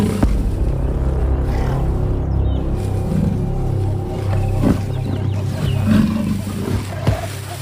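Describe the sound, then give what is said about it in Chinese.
A lion's deep, rumbling roar runs steadily through the whole stretch, low and loud with a throaty growl, punctuated by a few brief sharper sounds and no talking. “最近，这样的叫声往往是提醒大家，狮子就在附近。”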